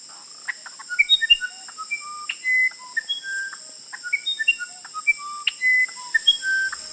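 An uirapuru (musician wren) sings a flowing series of clear, flute-like whistles at shifting pitches, short notes mixed with longer held tones, fairly loud over a steady high insect drone.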